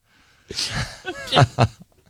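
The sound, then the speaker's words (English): A person vocally imitates a sneeze: a sharp breathy burst followed by two short voiced, exaggerated syllables, fairly loud, lasting under two seconds. “Because she'll just randomly get allergies and sneeze.”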